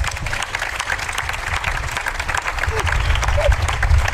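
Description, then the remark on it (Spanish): A live audience applauds steadily, welcoming three drag performers on the radio show Hora 25: a dense wash of many hands clapping at once that swells slightly louder toward the end, with faint crowd murmur underneath. “Un aplauso para las tres.”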